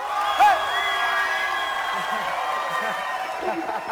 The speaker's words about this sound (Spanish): Los invito a que reciban con un caluroso aplauso al rey por excelencia